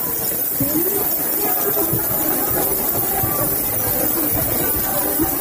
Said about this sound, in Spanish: Es el sonido de esta protesta, el sonido de las llaves agitándose.